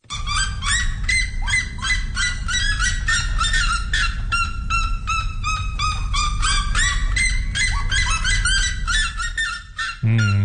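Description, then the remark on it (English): A red-legged seriema, one of the world's loudest birds, calls loudly and nearly nonstop, a rapid series of shrill, yelping, almost dog-like cries running together, with no talking. “And its equally loud colleague, the red-legged sirenia.”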